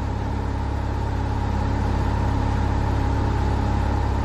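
A restored light aircraft's engine drones steadily at cruise, 2,100 RPM at just over 100 miles per hour, during a test flight, a continuous loud hum with low rumble and even tonal overtones, holding constant with no voices.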